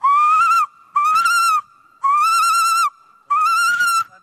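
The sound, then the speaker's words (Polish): A person imitates a female tawny owl's reply: four drawn-out, reedy calls in an even rhythm, fairly loud, with brief pauses and no talking. “To taki bonus jeszcze na koniec, odpowiedź samicy.”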